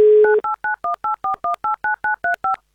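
A steady telephone dial tone gives way to a quick, even run of eleven two-note touch-tone beeps as a listener's number is dialed for a live game on Avtoradio, with no voices.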